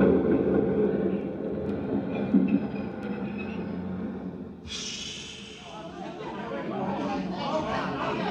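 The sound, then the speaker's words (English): Busy subway station ambience at 59th Street: a steady low rumble of a train under a murmuring crowd, then a bright hissing rush of air brakes or wheels cuts in partway through and lingers. “worked in the change booth in the subway station at 59th Street.”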